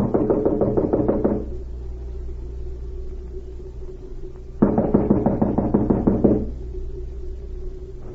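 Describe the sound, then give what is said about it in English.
A spy knocks on the wooden door of a small cottage: two bursts of rapid knocking, each a quick run of firm raps lasting over a second, separated by a pause, over a steady low rumble. “An hour later, the spy, Cavalier, knocked at the door of a small cottage and was admitted.”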